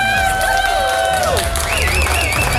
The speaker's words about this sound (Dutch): Ik wil nog even één keer een groot applaus voor onze Artist of the Year Female.